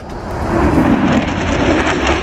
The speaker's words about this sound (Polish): Supernowoczesne myśliwce F-35 przelecą także nad centrum Łodzi. Jutro najnowsze F-y przelecą nad całym krajem.